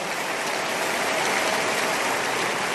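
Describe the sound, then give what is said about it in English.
A crowd claps together for the King of Kings in a dense, continuous wash of applause, steady and fairly loud throughout, with no individual claps standing out and no voices. “One more time, make that clap better and bigger for the King of Kings.”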